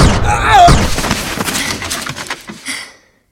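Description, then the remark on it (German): A loud gunshot bursts out amid a crashing, shattering clatter, followed by a couple of seconds of scattered debris-like rattles that fade out quickly. “Hoffentlich hat der andere Kerl den Schuss nicht gehört.”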